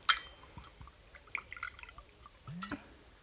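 Vodka is poured into glasses: a sharp glassy clink at the start, then short trickles and drips of liquid, ending with a brief rising gurgle as a glass fills. No one speaks.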